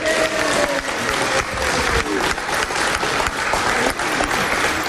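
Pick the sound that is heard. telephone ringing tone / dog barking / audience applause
audience applause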